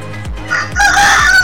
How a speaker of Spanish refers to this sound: Está en el planeta de los gallos, porque acaba de sonar este gallo tan potente. Está en Gallilandia.